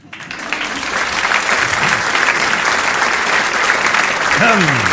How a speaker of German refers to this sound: Ja, danke schön. Das ist lieb, dass ihr so klatscht.